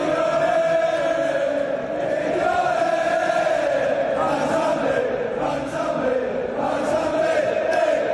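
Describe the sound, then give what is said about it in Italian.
A large crowd of Aston Villa (Villans) football fans sings a chant dedicated to their new signing, a dense, steady wall of massed voices holding a sustained melodic line, loud throughout with slight swells in intensity. “E i primi a celebrarlo con un coro tutto per lui sono proprio i suoi nuovi tifosi.”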